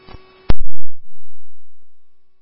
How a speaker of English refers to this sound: Woodbury Station 3AF, these are your tones for 1550 Parkwood Drive, apartment 220 on a ALS sick person. Time is 2111.